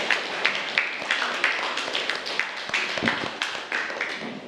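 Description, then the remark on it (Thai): Students in a classroom clap for a group of classmates, group 5, in a steady patter of many hands, a dense crackle of sharp claps that stays fairly even for several seconds with no talking over it. “อ่ะปรบมือให้เพื่อนกลุ่มที่5หน่อยค่ะ”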